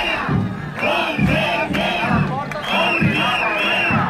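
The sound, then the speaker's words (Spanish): A large crowd of protesting teachers, in a mass demonstration that marched from central Valencia, chants loudly in unison at the doors of the Consellería, asking for the door to be opened. Voices rise and fall in a steady rhythmic cadence of repeated shouted phrases, with continuous crowd noise throughout. “Por cierto, mientras se producía esa reunión, al filo de la una, ha llegado a las puertas de la Consellería una nueva manifestación masiva del profesorado que ha partido del centro de Valencia.”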